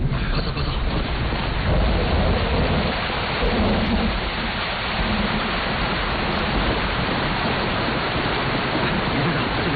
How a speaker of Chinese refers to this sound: 哎，下雨了，咱们先到前面避避雨吧。